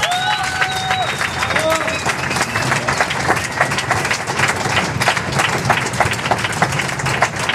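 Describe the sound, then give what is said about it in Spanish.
Steady, dense applause from an audience for a group playing cover versions on classical instruments, many hands clapping at once for several seconds, with a few high whistles rising over the clapping near the start and crowd voices mixed in. “Un aplauso.”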